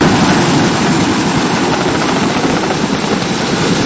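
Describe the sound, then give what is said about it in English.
A Royal Canadian Air Force Chinook helicopter's engines and rotors roar steadily and loudly, a dense continuous wash of turbine whine and rotor noise with no voices. “Infantry and pilots at CFB Petawawa, which is home to the Royal Canadian Air Force's Chinook helicopters, recently took part in a training scenario in our region.”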